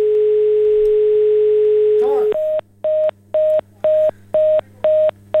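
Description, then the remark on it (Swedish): A steady telephone dial tone hums for about two seconds, then gives way to a loud, evenly spaced series of short electronic beeps as a number is dialed on the phone keypad, with no talking over them. “Kutt ut telefonen i alla fall. Från det, ja. Jag får ringa en gång till.”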